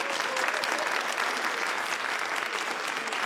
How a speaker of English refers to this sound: but a very big round of applause.